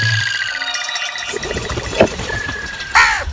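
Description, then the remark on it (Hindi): A crow perched on the highest branch of a tree gives a harsh, loud caw near the end, with a shorter cry just before it, both over a steady droning background and a thin, continuous whistling tone. “वो दरख्त की सबसे ऊंची शाख पर बैठकर जोर जोर से काय काय करने लगा।”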